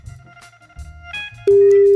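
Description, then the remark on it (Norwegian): A loud, steady electronic telephone ringing tone cuts in partway through and holds unbroken to the end, after a stretch of low muffled background rumble. “Jeg driver bare ringer, så bare ja, slapp av.”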